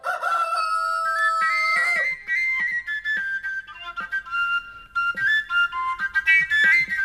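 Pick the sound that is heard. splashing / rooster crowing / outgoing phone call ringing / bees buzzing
rooster crowing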